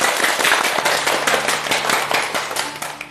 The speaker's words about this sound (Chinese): 我们掌声欢迎。